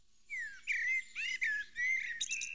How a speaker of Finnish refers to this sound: Tuo tuolla taustalla muuten on mustarastas, Etelä-Suomen lehtimetsien sulostuttaja.